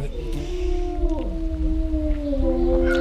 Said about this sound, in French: Donc ici c'est un couple de loups gris. Hein.